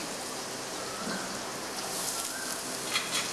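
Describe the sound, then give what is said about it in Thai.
Ginger and garlic, then shiitake mushrooms, sizzle as they are stir-fried in a hot pan, a steady, bright hiss with fine crackling throughout and a couple of slightly louder pops near the end; no one speaks. “จากนั้นนะครับเราจะใส่ขิงใส่กระเทียมลงไปผัดนะครับนะแล้วก็เห็ดหอม”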